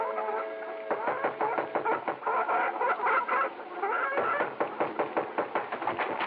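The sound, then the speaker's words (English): A flock of chickens on a chicken ranch clucking steadily, with dense overlapping chatter and sharp pecking-like knocks in a fairly loud, busy rhythm, with no voices. “There were enough chicken ranches in the outlying sections to supply half a dozen cities.”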